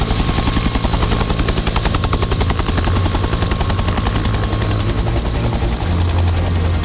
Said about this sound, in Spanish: Volar apenas, están escuchando un helicóptero a 15 metros de unas llamas, con el humo borrando el horizonte, con unos segundos para decidir dónde descargar miles de litros de agua. Claro, así se trabaja en un incendio.